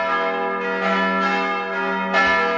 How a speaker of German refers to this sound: Klingelt da was? Nee, aber es läutet kräftig.